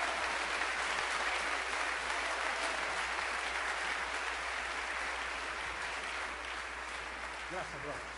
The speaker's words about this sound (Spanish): Alábalo, dale un aplauso a Cristo. Aleluya.